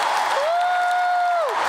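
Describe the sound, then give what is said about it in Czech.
The audience of over 30,000 at a sold-out concert by a singer in Paris applauds in a dense, steady wash of loud clapping, while a long held tonal cheer or whistle rises over it and then slides away. “Při potlesku fanoušků se neubránila dojetí a řekla, že věřila v návrat ke koncertování.”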